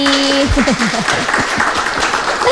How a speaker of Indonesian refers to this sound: Oke, dan juga sudah bersama dengan kita di sini audiens-audiens yang luar biasa, teman-teman mahasiswa. Tepuk tangan dulu dong buat semuanya yang ada di sini.